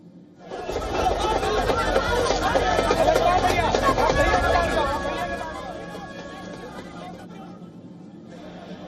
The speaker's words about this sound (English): In fact, as leaders attempted to push forward, moments of commotion gripped the protest area. Rahul Gandhi was momentarily mobbed by surging crowds.